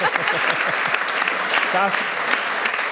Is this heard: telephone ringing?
no